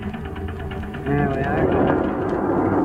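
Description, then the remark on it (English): A car engine rumbles low and steady, growing louder as it strains to pull a new trailer through a narrow gate into a tourist camp west of Buffalo, with a short high-pitched squeal from brakes that need fixing midway through before the engine noise carries on. “Gotta get them brakes fixed. Quite a trick getting that trailer through that narrow gate.”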